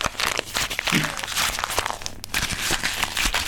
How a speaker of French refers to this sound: Je pense que je vais le mettre en boule entre mes mains. Je vais le froisser. On t'écoute ! Alors j'y vais. Je froisse le papier en boule, comme une boule de neige.